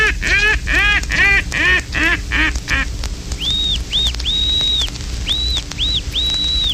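A rapid run of about eight loud, nasal mallard quacks, then a pintail's thin, high whistles repeated in short and drawn-out notes, clear with no talking.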